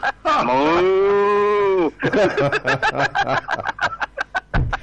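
A single long, low moo rings out loud for about two seconds, followed by a burst of rapid, choppy laughter-like snickering.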